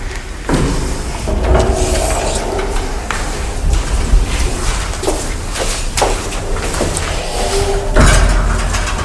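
A door in a cultural centre slams again and again at irregular intervals on a very hot day with the ventilation shutters opened, each bang sharp, over a steady, busy indoor background noise.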